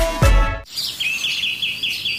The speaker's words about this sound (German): Hören Sie es? Die Vögel pfeifen's von den Dächern.